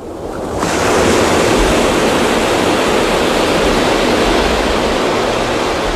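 Ocean surf roars up after a brief quiet start, then holds as a loud, continuous wash of waves breaking on the shore in front of the Marabella restaurant in the Valencia region of Spain, with no voices.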